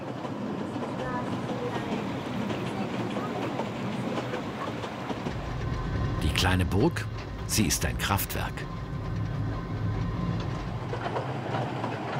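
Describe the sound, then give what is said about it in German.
A mountain railway train on the excursion line along the Kurobe Gorge rumbles steadily along its tracks, a continuous low roar with brief bursts of clattering, screeching metal midway, while a man speaks over it. “Nur mit dem Zug kommt man in dieses Tal.”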